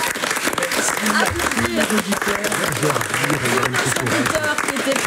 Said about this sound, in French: Oui, applaudir, merci.